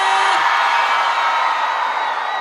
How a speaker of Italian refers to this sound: Tra l'altro, mi dicono sempre che il pubblico dell'Emilia Romagna, a parte, è uno dei pubblici più carichi, quindi fatemi sentire un urlo al mio 3. 1, 2, 3!